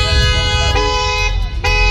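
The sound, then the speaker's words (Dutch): Loud car horns honk repeatedly in Rotterdam traffic, with short sharp blasts standing out at two points over a steady, sustained honking and the low rumble of traffic. “Zoals hardoptrekkende auto's, knallende uitlaten en veel getoeter.”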